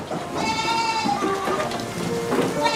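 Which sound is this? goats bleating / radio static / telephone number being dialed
goats bleating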